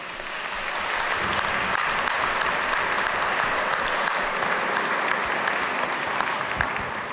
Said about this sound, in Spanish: Le damos un aplauso, felicidades.